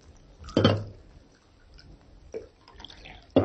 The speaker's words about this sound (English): Alpha poured coffee.